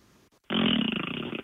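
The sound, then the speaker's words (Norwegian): A person leans over a fully lowered window and blows a loud raspberry with the mouth down into the gap, imitating a fart: one sustained, buzzy, fluttering burst lasting about a second after a brief quiet moment. “Jeg lagde en sånn der liksom prompelyd liksom over...”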